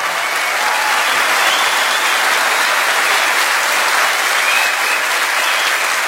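Steady, sustained applause from an audience for a singer at an evening show, a dense wash of many hands clapping at an even loudness for several seconds with no voices rising above it.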